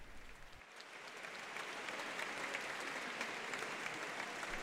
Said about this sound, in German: Ein Applaus für Papst Leo.